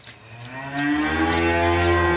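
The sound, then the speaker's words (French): A dairy cow moos loudly, one long drawn-out low call that swells after a brief quieter start, with faint shed ambience behind it, at a dairy farm in Mauges-sur-Loire, Maine-et-Loire, where the cows are kept under a large shed out of the sun in heat of over 30 degrees. “qui pèse sur les organismes des êtres humains, mais aussi des animaux, comme dans cette exploitation agricole de vaches laitières.”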